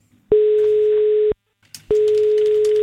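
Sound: telephone ringing tone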